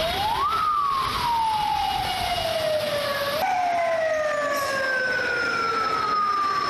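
An ambulance siren wails loudly outside a hospital in Jinan, China, each tone rising sharply then sliding slowly downward in long repeated sweeps, with steady road noise underneath and no voices.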